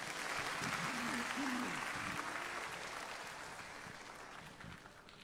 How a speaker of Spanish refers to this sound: Siéntate y dar un aplauso al Señor.